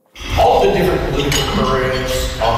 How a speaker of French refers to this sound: Entre les claquements de couverts, mardi midi au Royal Glenorah Club à Edmonton, les deux anciens premiers ministres rappellent aux Albertains de voter pour le maintien de la province au sein du Canada.